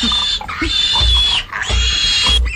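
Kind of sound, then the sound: animal, pig grunting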